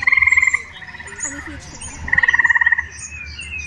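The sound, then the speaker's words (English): Eastern gray tree frogs give loud, musical trills, two close, rapid pulsing bursts separated by a pause, while fainter trills from more distant frogs carry on steadily underneath. “Here's a recording of eastern gray tree frogs.”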